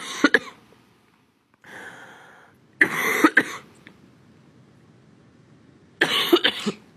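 A person coughs repeatedly in a fit, with three harsh bursts of two or three coughs each spaced by short pauses and a raspy breath, loud and close with no talking.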